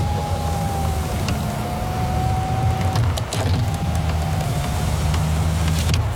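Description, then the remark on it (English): A car's power windows whine up and down twice in a row as someone plays with them, a steady electric motor hum with a brief clunk between runs, heard inside the car over a low engine rumble. “Please just stop playing with the windows.”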